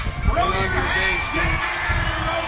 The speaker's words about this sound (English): The crowd's fired up.